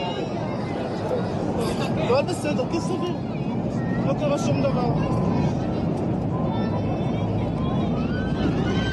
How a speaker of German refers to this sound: Diese Aufnahmen zeigen Szenen des Fly Dubai-Fluges von Dubai nach Tel Aviv. Man hört schreiende Passagiere und die Geräusche des Flugzeugs, das rapide an Höhe verliert.